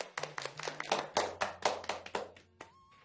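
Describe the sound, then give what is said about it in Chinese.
Short, scattered applause: roughly a dozen sharp hand claps in an uneven rhythm, moderately loud, ending abruptly after about two and a half seconds, with no voices. “以此类推， 掌声。”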